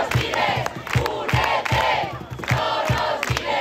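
A large protest crowd at the encampment in the Puerta del Sol, heard live, shouts and chants together, their voices loud and continuous, punctuated by a steady rhythm of sharp beats, like clapping, repeating every half second or so.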